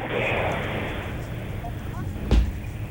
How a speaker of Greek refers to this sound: Ακούμε και το ελικόπτερο που επιχειρεί.